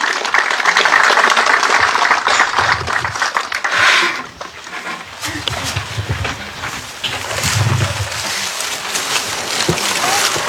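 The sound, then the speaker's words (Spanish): An audience at a municipal event in Ite applauds warmly to welcome the central speech by district mayor Urbelinda Chacón Díaz: a dense, steady wash of many hands clapping that stays loud throughout, easing briefly midway before swelling again. No one speaks over it. “Con un caluroso aplauso, por favor.”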